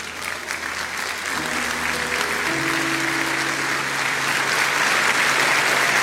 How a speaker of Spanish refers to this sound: Pongámonos de pie, iglesia, y le damos un caluroso aplauso al Señor.